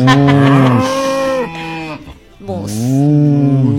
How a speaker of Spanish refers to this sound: Bueno. Ahí está la vaca santiagueña.